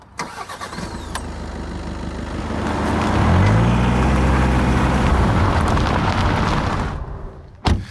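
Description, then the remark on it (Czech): A car engine cranks and catches, then revs and runs steadily for several seconds before cutting off, followed by a brief thump like a door closing. “Tak my si pomůžeme autem.”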